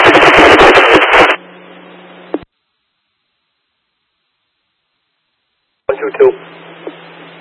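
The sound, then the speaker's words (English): A loud burst of harsh radio static cuts off into a low humming carrier, then silence, before a second crackly, static-laden transmission returns with a garbled voice buried in the noise. “Unit calling, your transmission's all static and readable.”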